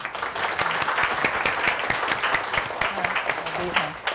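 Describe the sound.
An audience applauds steadily for about four seconds to welcome the owner of the Rabpee dressmaking school at a fashion sewing session, a dense wash of many hands clapping at an even loudness, with a faint voice murmuring beneath it near the end.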